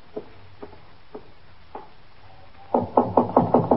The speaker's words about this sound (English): Cross the room and in that door. All right, thank you. Just knock on the door.